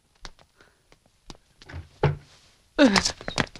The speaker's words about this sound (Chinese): 谁敲门？急着报丧了。